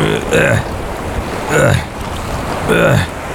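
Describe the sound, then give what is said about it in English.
Steady ocean wash fills the background while three rhythmic surges of splashing water rise and fall about a second apart, moderately loud. “Oh man, why is there so much water out here? Man, that's a lot of water.”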